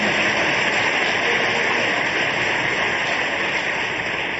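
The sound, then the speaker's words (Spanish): An audience claps for the King of Kings and Lord of Lords in steady, dense applause that holds at an even, fairly loud level for several seconds, with no voices rising above it. “Dale un aplauso al Rey de Reyes y al Señor de Señores.”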